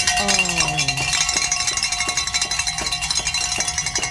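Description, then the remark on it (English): A bell rings loudly in a quick, steady series of metallic clangs, each strike bright and overlapping the last, with a brief lower tone sounding at the start; it is rung to celebrate meeting a donation goal. “So let's ring the bell.”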